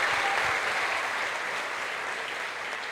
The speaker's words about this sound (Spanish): Un aplauso para ellos.